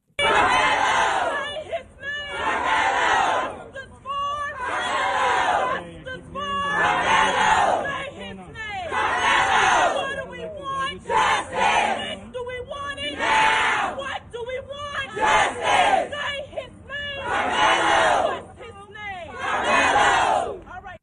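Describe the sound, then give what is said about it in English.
A large crowd of supporters of Carmelo Anthony shouts and chants outside a courthouse in repeated loud surges, voices rising together in rhythmic bursts with brief dips between, a dense roar of many people yelling at once. “You had a large crowd of supporters of Carmelo Anthony outside the courthouse.”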